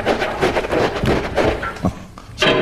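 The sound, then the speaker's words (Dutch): A door is opened, with a few dull thuds and rattling knocks over a steady wash of background noise, ending in a brief louder burst. “doe die deur eens even open.”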